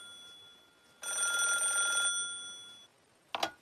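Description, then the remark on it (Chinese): A telephone rings once in a single sustained electronic trill lasting about a second, followed by a steady tone and a brief click near the end; no one speaks. It is a call to Liu Hao from Luo Ronghuan, deputy political commissar of the Northeast Democratic United Army. “几天以后，刘浩突然接到了东北民主联军副政委罗荣桓的电话。”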